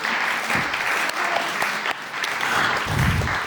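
An audience applauds a piano partner steadily, a dense wash of many hands clapping at an even, fairly loud level with no pauses or talk.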